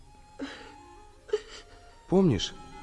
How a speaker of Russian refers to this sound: не плачь, не плачь.